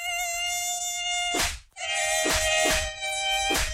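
A loud mosquito whine drones steadily, cutting out briefly partway through, with several sharp noisy bursts breaking in over the buzzing.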